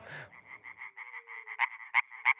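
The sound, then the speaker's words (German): A European tree frog calls in a fast, steady train of rasping pulses, with several louder, sharper notes punching through toward the end; an initial burst of noise precedes it, and no one speaks. “Mithilfe dieser Schallblase kann ein einzelner europäischer Laubfrosch bis zu 90 Dezibel erreichen, lauter als ein Staubsauger.”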